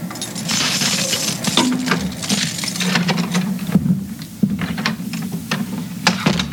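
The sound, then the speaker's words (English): Keys jingle and clink in a steady run of small metallic rattles and taps over a low background hum as the front door of a new house is opened, with no one speaking. “Here's my keys. Come on into my new house.”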